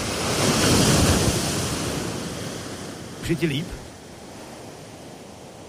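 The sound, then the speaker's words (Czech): Ocean waves wash onto the shore in a broad, rushing surge that swells loudly then slowly recedes, with steady wind noise and a brief spoken question partway through. “Ještě čekám na další vlnu. Jo, už jede, je mi dobře.”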